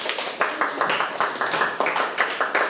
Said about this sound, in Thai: ตอบกันถูกหมดนะครับเก่งมากๆเลยครับปรบมือให้ตัวเองดังๆได้เลย